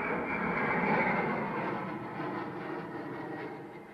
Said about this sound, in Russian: С шумом пролетает самолет. Мужчина задирает голову.